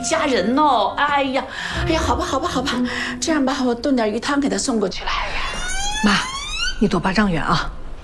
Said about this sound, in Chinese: 哎，你等一下，等一下我，你在哪儿呢？我怎么听到救护车的声音了？我在医院呢，